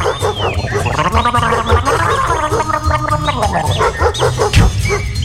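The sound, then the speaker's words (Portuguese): Loud, wet gargling bubbles on for several seconds as someone brushes their teeth in the bathroom, a throaty rattling warble that rises and falls in pitch without pause, with no talking over it. “o cara pula da cama, sai correndo, vai pro banheiro escovar os dentes, e deixa a porta aberta e faz aquela barulhada, acorda até a cachorrada da rua.”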